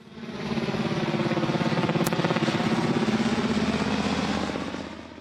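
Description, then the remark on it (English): A helicopter's rotor thuds in a fast, steady rhythm over a dense engine roar. It fades in, holds loud and constant for several seconds, then eases off slightly at the end. No one speaks. “Yeah, helicopter. Another name for helicopter is Chopper”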